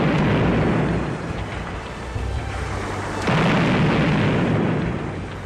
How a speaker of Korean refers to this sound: 왕련장의 명령에 뒤이어 모두 맹렬히 수류탄을 퍼부었다.